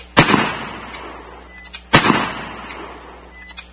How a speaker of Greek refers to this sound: Όταν έφτασαν στον παράδεισο Αμαρουσίου, ένα αυτοκίνητο με σβησμένα φώτα έκλεισε το δρόμο στο αυτοκίνητο ασφαλείας του Βενιζέλου. Τότε ακούστηκαν οι πρώτοι πυροβολισμοί.